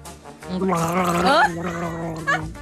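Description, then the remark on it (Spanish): Someone gargles water live, with a loud, voiced, bubbling tone that wavers and rises in pitch for about a second, followed by a shorter, fainter gurgle. “¿y usted sabe hacer gárgolas? ¡Por supuesto! Lo tuve que hacer en vivo.”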